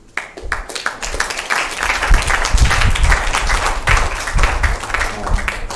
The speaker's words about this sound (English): So, round of applause again.